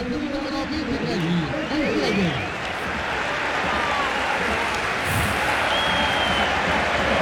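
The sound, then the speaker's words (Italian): A stadium crowd at a Parma versus Como football match applauds as Strefezza is substituted off, in a steady, dense wash of clapping and noise that lasts throughout, with a man's voice talking over it during the first few seconds. “Esce strefezza fra gli applausi del pubblico che adesso è anche ben disposto.”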